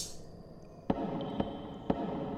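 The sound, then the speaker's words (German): Three sharp knocks in an even, steady rhythm, each a short, solid thud, fairly quiet over a low background hum, with no voices. “Habt ihr das Klopfen nicht gehört?”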